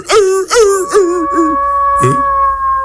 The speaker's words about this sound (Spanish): Ay, no puede ser ese lobo.